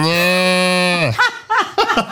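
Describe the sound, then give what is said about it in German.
A person imitates a cow's moo: one loud, sustained droning tone lasting about a second that sags in pitch at the end, followed by short choppy voiced bursts like laughter. “Dass du moon kannst wie eine Kuh und mähen wie ein Schaf.”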